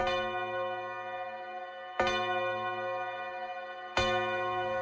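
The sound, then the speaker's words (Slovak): A clock strikes twelve o'clock with deep, resonant chimes: three evenly spaced strikes about two seconds apart, each ringing on and overlapping the next, fairly loud with no voices. “Udrela 12. hodina.”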